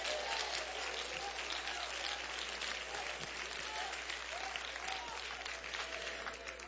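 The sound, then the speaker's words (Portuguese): An audience gives a strong round of applause for Jesus, praising the Lord with their hands: a dense wash of hand-clapping that holds at an even level throughout with no pauses, a few voices faintly mixed in underneath. “Pode sentar, pode sentar e louva ao Senhor com as mãos, mas dê uma salva de palmas bem forte para Jesus.”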